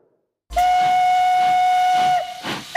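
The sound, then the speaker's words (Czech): A steam locomotive at Kořenov in the Liberec Region, running a steam train ride across the border via Harrachov to Poland, blows one long, loud, steady whistle blast with strong overtones, accompanied by broad hissing steam that swells again after the whistle cuts off. “Magazín Vlakem Libereckým krajem se opět vydal do Kořenova, to proto, že tentokrát tady byla ke vidění a také k možnosti své se jízda parní lokomotivou, a to dokonce přes hranice, přes Harachov do Polska.”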